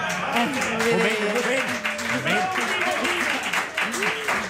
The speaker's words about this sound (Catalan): Aquí, avui estem aplaudint aquí, però per què?